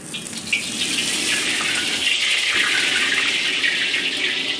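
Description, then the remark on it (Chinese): A steady stream of running tap water pours continuously, a bright hissing rush with faint splashes as blanched beef tripe is rinsed under it for a clear-stewed dish; no one speaks. “焯水洗净，牛肚崩变得卷曲富有弹性，呈现出乳白如玉的色泽，食材特有的弹滑已经出现。”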